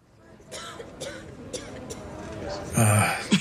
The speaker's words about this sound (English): Her condition is much worse. The coughing, the blood, it's advanced.